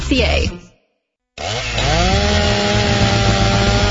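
After a brief burst of voice and a short silence, a Steel MS-291 16-inch gas chainsaw starts up, its engine whine rising in pitch and settling into a loud, steady buzzing drone.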